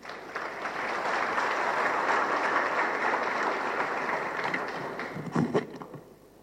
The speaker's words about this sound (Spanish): Lo recibimos con un aplauso nuevamente.